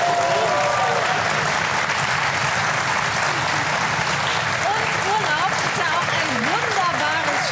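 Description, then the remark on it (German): A studio audience breaks into steady, sustained applause, a dense wash of clapping that holds at the same loud level throughout, with a few voices audible beneath it. “Das gibt noch mal einen extra Applaus, oder?”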